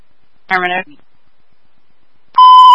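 A brief warbling electronic chirp from an alarm system, a pause of silence, then a loud, steady high-pitched alarm tone that starts abruptly and holds until the end, piercing.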